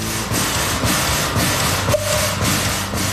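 A steam locomotive tram chugs through the streets of Bern, its rhythmic mechanical clatter and hiss steady and loud, with a brief whistle-like tone partway through.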